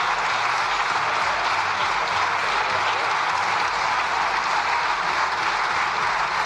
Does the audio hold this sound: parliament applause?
yes